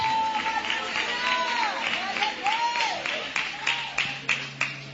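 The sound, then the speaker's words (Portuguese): A church audience breaks into applause of victory for Jesus, with sharp claps growing more distinct toward the end, while raised voices call out and shout over the clapping. “palmas de vitória para Jesus.”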